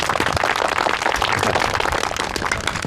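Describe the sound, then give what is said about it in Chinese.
A crowd applauds steadily for about three seconds, many hands clapping at once in a dense, even roar of claps with no voices over it, welcoming a staff officer who is about to give a talk. “放松一下，下面有请段参谋给咱们讲话啊，鼓掌。”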